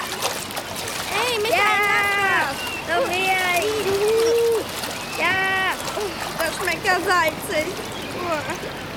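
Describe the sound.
Children splash in water, a steady wash of churning splashes under repeated high-pitched shrieks, squeals and excited shouts from young voices.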